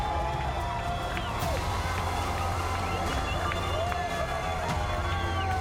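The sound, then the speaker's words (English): A large outdoor beach crowd at Snapper on the Gold Coast cheers continuously for a surf champion's win at the Gold Coast Pro, a dense steady roar of voices with scattered whoops and shouts rising above it, loud throughout. “And to do it here in Snapper, look at that crowd.”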